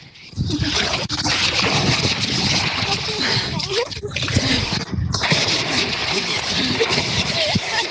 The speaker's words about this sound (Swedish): Och det hördes ända hit och kändes, tror jag, att Lilly plaskade bäst